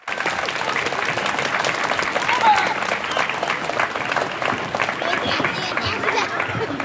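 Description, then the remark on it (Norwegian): Pupils and guests applaud the mayor at the official opening of the new schoolyard in Honningsvåg, dense overlapping claps at a consistent loudness for the whole span, with a faint murmur of voices mixed in. “applaus til ordfører Jan Morten!”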